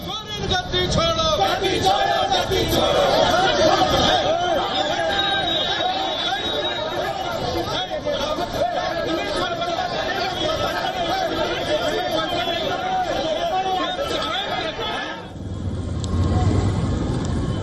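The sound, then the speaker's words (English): Dense crowd chatter and overlapping shouts from BJP workers blocking Ratu Road during the statewide Jharkhand Bandh, India, as many police personnel intervene. A steady loud babble of many voices continues throughout, with a brief dip and shift in tone near the end. “In another incident, BJP workers blocked the Ratu Road during the statewide Jharkhand Bandh. A large number of police personnel intervened to stop the crowd.”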